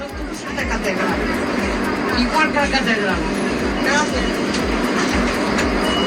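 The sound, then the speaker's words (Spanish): Inside a packed Line 1 public city bus in Santiago de Compostela: a steady low engine rumble with rhythmic thumping underneath, while many standing passengers talk over one another in a constant babble, asking for the door to be opened. “Línea 1 absolutamente llena de usuarios que estaban de pie.”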